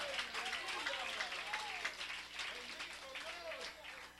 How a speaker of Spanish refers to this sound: Denle un fuerte aplauso al Señor esta tarde, iglesia.